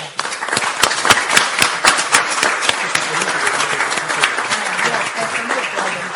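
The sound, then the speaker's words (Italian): An audience applauds a regional assessore steadily, a dense wash of many hands clapping with a few sharp, louder claps standing out early on, holding at a fairly even level throughout. “Ringrazio l'assessore, tra l'altro applauso meritato”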